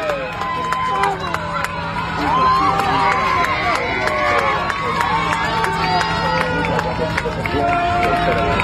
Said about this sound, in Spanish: Desde aquí queríamos dar la enhorabuena a nuestros compatriotas argentinos. Se emocionaron macizo ahí. Pero. Y festejando a los argentinos.